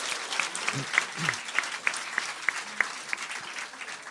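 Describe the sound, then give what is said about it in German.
A big round of applause from a crowd for the jury of the preliminary round, dense steady clapping that keeps going for several seconds, with a few sharper claps and whistle-like tones standing out above the wash. “Diese Menschen bekommen jetzt einen ganz großen Applaus.”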